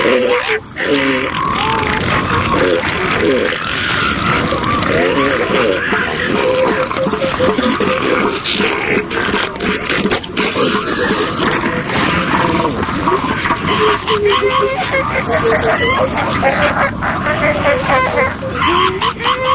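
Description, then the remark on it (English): A colony of elephant seals bellows and barks continuously, a dense wall of deep, guttural roars and grunts, produced deep within the seals' chests, overlapping with higher honking calls, loud and unbroken for the whole stretch. “One would expect that they would use this organ to bellow, belch, and snort, but most of the sound comes from deep within the elephant seal's chest.”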